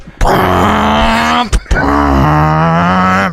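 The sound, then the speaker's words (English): A voice imitates a V8 car engine with a loud, rumbling, growling drone in two long bursts broken by a brief pause, the pitch rising and falling like an engine revving past. “All of a sudden, a V8 car drove past.”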